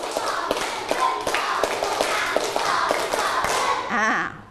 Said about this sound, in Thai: นักเรียนปรบมือสเต็ปปรบมือทำยังไงคะไม่พร้อมกันเลย